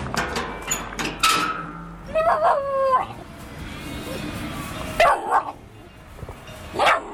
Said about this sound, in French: Là, tu vois, c'est la seule à venir vers nous en râlant, en aboyant.